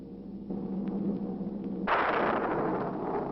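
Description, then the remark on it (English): A low rumble builds, then a loud, broad crack of thunder breaks at about two seconds, with a flash of lightning near a cemetery, and rolls on as a sustained, noisy roar until the end. No one speaks. “Residents near the cemetery paid little attention to the blast of thunder and the flash of lightning.”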